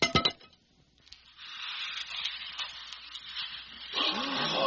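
An ordinary wooden shepherd's staff, held by Moses, is thrown onto the ground and clatters in a quick cluster of sharp knocks, followed by a steady, airy hissing rustle as the staff turns into a snake, swelling slightly toward the end.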